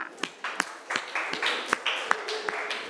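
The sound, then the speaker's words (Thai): Students in a class clap together for a student representative of group 5, in a steady, even rhythm, sharp hand-claps about three per second over a continuous wash of scattered applause, fairly loud throughout. “นักเรียนที่จะตอบเป็นกลุ่มแรกก็คือกลุ่มที่5พร้อมไหมคะถ้าพร้อมแล้วขอเสียงปรบมือให้ตัวแทนนักเรียนหน่อยค่ะ”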